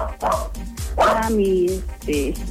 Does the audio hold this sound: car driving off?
no